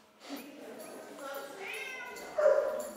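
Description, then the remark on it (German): Dogs in the Tierheim Nürnberg animal shelter in Nuremberg, home to 49 dogs, bark and yelp over one another, with high, tonal whines woven through and a louder burst of barking toward the end. “49 Hunde leben derzeit im Tierheim Nürnberg.”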